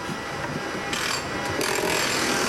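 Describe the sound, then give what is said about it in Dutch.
A car's small, fast rattle from the front right of the car runs continuously under a loud, hissy wash of road noise and noise from the rear-mounted engine, steady throughout with a slightly buzzy, scraping texture and no voices. “Hij hoort iets aan de voorkant rechts. En het klinkt als een rateltje.”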